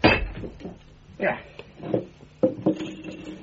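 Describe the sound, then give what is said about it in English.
Sherlock Holmes smashes a plaster bust with a hammer in a handful of hard, irregular blows, each a sharp crack followed by brief crumbling and clattering debris; the black pearl of the Borgias is embedded in the plaster. “Holmes, what are you doing with that hammer?”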